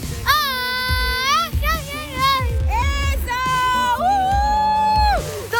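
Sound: traditional Mexican shout (grito)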